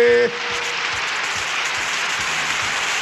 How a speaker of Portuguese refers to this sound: Mais palmas, mais palmas.